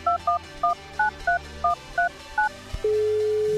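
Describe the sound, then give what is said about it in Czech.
A quick run of about ten touch-tone telephone beeps as a phone number is dialed to call a warehouse worker, in an uneven rhythm, each a short dual-pitch chirp, followed by a steady tone that starts and holds at the end. “A voláme Mirkovi.”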